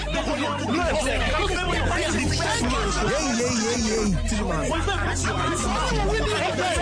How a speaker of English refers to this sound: Here's a little bit of a compilation of Man United fans all talking all over each other on different streams, TikToks and podcasts. They are just shouting and screaming. They are angry.